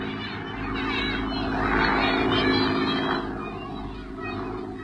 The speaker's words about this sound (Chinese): 大家愤怒地瞧着日本人的飞机飞远了